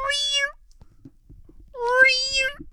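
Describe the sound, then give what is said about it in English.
Two clear, drawn-out cat meows, a short one followed about a second later by a longer, louder one, with only faint low rustling in the pause between them, heard at the top of Niagara Falls. “No, it was a cat.”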